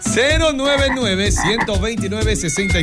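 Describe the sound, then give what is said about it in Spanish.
A toad croaks loudly in a steady run of warbling, throaty calls that rise and fall in pitch for a few seconds, with no voices over it. “No, es para estar de sapo, no.”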